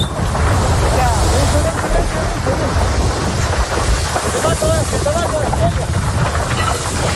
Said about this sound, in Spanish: Y para entender la tragedia, escuchen este otro sonido. Son miembros del Infoca, intentan apagar el fuego, pero las llamas crecen y se acercan peligrosamente hacia ellos.